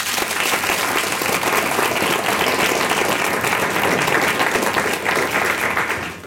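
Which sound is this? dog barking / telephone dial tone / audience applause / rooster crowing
audience applause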